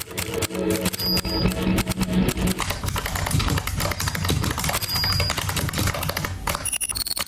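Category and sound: tool, typing on keys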